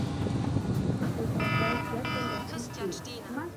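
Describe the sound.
A telephone rings twice, two short buzzing trills in quick succession, over a steady low rumble with faint murmuring voices; the call comes from a pyrotechnician aboard a fireworks ship.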